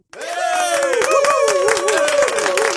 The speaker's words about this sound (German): Und dieser Applaus ist für alle, die ich sonst noch dran hatte am Telefon und bei WhatsApp